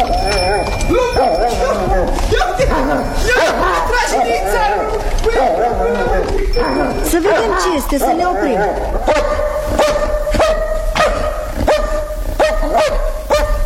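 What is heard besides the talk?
dogs barking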